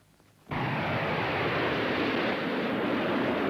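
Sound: airplane flying overhead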